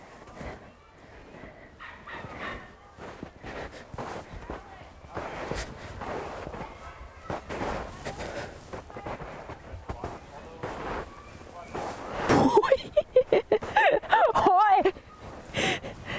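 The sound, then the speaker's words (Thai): Footsteps in ordinary shoes, with snowshoes taken off, crunch through deep snow in quick succession, a burst of several loud steps near the end, following a stretch where a person talks over quieter outdoor noise. “เดี๋ยวไปถอดก่อนถอดหมดแล้วเหลือแต่รองเท้าออริจินอลนะคะเดี๋ยวเดินไปลายซ้ายสุดดูกัน”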